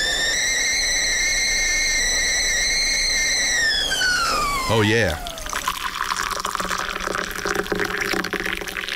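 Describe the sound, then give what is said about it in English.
A kettle boiling for a cup of tea whistles steadily with a high harmonic tone, then the whistle drops in pitch and cuts off, followed by hot water pouring with a rising gurgling fill; a voice briefly speaks. “Get that kettle happening.”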